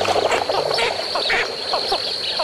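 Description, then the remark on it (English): Blue-winged teal, small dabbling ducks, call continuously in a dense flock lifting off from a marsh, short high peeping and chattering notes overlapping at a steady moderate loudness over a constant marshy background hiss, with no talking. “These dabbling ducks are called blue-winged teal.”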